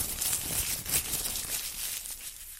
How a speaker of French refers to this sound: Allez, on va commencer par tirer un petit papier au sort tout de suite.